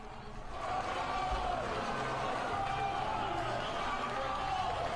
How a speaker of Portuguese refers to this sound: Olha aí, batendo palmas, porque foi aprovado.